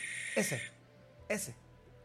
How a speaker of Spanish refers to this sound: Ese sonido es la lechuza. El característico de ella.